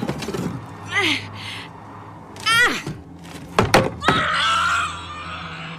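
A hammer thrown on a roof strikes with a couple of sharp thunks and clatters as it falls off the roof, amid high wavering yelps and screech-like cries before and after the impacts.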